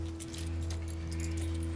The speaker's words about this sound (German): Geben Sie mir bitte noch den Schlüssel.